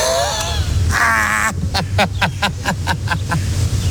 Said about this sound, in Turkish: Oha, koskoca yerde beni mi buldu bu kuşlar ya?